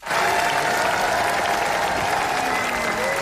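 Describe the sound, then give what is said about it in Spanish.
Dense, sustained applause from a large crowd, an eight-minute standing ovation at the Cannes Film Festival for Rodrigo Sorogoyen's film El ser querido. It stays steady and loud throughout, with faint murmuring voices mixed into the clapping. “En el Festival de Cannes, 8 minutos de ovación para El ser querido, de Rodrigo Sorogoyen.”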